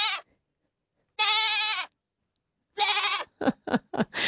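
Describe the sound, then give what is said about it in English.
A goat bleats loudly at night in the Gateway Shopping Centre car park, a drawn-out wavering call followed by another long bleat that breaks into several short, choppy bursts, with silent gaps between them. “Last night, a goat spotted at Gateway Shopping Centre car park.”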